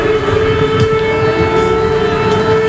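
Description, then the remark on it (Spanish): An air raid siren in the border zone between Poland and Ukraine sounds a loud, continuous tone holding at a steady pitch for the whole stretch, with rich overtones and a rumbling background beneath it and no voices. “Desde que el jueves sonaran las alarmas antiaéreas en la zona fronteriza entre Polonia y Ucrania”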